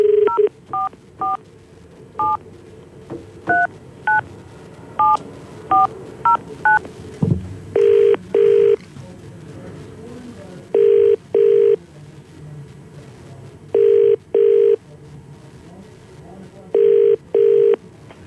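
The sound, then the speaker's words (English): A quick run of telephone keypad tones as a number is dialed for a live call on the CFM radio morning show, followed by a loud, steady ringback pattern of paired rings repeating every few seconds while the call rings out. “I'm just about to get one of our mates on the phone with us.”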